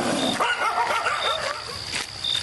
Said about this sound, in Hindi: ये तो कुत्तों की रिश्वत है मुंह बंद करने के लिए, कुत्ते साले भौंभौं करते रहते हैं। अरे बोला ना, जरा बच के देखो, देखो कुत्ते आ गए, जल्दी रोटी फेंक।